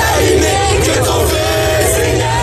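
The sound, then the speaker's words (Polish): A large crowd in France cheers and shouts continuously, greeting Pope Leo XIV, a dense roar of many voices with scattered yells rising above it, loud and sustained throughout. “Wszędzie, gdzie pojawi się Leon XIV, witają go tłumy.”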